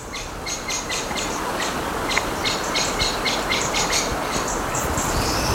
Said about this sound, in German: Oh, die Vögel. Wir bewegen uns ja auch Richtung Fähre. Ja. Das hoffentlich, oh, die Amsel.